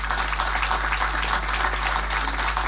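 An audience applauds: many hands clapping in a dense, crackling wash that holds steady and fairly loud for the whole stretch, with no voices.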